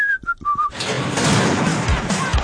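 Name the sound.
person whistling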